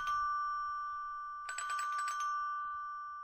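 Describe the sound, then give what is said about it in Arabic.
A doorbell rings with a sustained electronic chime, starting at once and holding a steady tone, then a rapid burst of buzzy, pulsing ringing joins in midway before fading. No one speaks. “أنا ماشي أفتح الباب بسرعة.”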